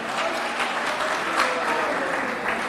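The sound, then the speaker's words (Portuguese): An audience claps hands for Jesus in a dense, steady wash of applause, loud and continuous throughout with no pauses, and no voices standing out. “aleluia, glória a Deus, mais forte as palmas para Jesus, irmão, mais forte as palmas para Jesus, oh glória a Deus, aleluia.”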